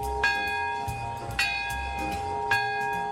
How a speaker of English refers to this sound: The city's peace bell rang out as representatives of 90 nations observed a moment of silence at exactly 11:02 a.m. when the U.S. dropped the bomb in 1945.